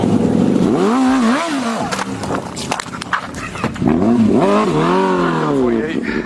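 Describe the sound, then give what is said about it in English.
A motorcycle engine revs up and down loudly, its pitch rising and falling in repeated surges, with sharp clattering bursts and commotion mixed in, as a motorcyclist flees a police traffic stop in Florida. “Motorcycle just fled from me.”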